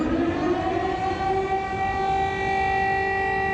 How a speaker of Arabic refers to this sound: مجددا تدوي صفارات الإنذار في كييف وفي مدن أوكرانية أخرى عديدة، مجددا يتكرر السيناريو.